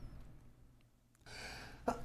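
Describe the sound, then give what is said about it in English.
A single sharp sneeze: a rising breathy intake that bursts into a loud, noisy expulsion near the end, heard alone over a quiet background. “Bless you again.”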